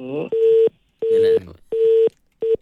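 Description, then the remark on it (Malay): A phone line's disconnect tone after both lines of a radio phone-in call dropped: four loud, steady electronic beeps at an even pace, the last one cut short, with a brief voice just before the first beep. “Nampaknya terputus talia dua-dua.”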